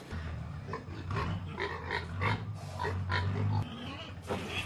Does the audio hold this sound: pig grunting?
yes